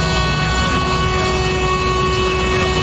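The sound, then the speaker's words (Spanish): A loud, sustained vehicle horn blast, sounded by a driver of Madrid's municipal transport company, holds one steady, harmonic-rich tone without a break for about three seconds, heard alone, with no speech. “yo no sé de la MT, pero toma un pito.”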